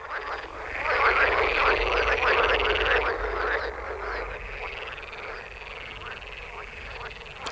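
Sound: frogs croaking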